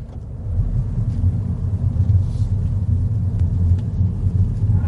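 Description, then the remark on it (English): A three-cylinder Mini car with a BMW engine and automatic gearbox is flicked into drive and drives off, its engine giving a steady, deep low rumble with road noise that holds constant throughout, fairly loud, with no voices. “You flick it down into drive, and off we go.”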